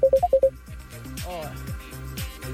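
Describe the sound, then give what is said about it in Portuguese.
A quick burst of four or five loud electronic phone beeps from someone calling cuts in at the start, clipped, then gives way to a voice talking. “E alguém liga no telefone e corta.”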